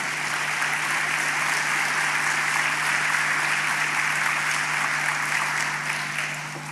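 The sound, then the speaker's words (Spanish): A crowd claps steadily for several seconds, applauding the Lord, a dense, continuous wash of applause before tapering slightly at the end, with no voices standing out. “Dale un aplauso al Señor por eso.”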